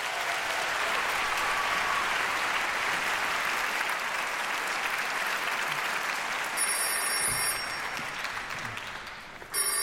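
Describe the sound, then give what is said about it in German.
Sustained, dense applause from an orchestra concert audience for the conductor Stanislav Kochanowski, steady and loud, then thins slightly near the end as a bright electronic phone ringing tone briefly cuts through. “Der kriegt natürlich einen größten Applaus, Stanislav Kochanowski.”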